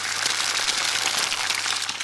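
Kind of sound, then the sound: food or drink, raw egg sizzling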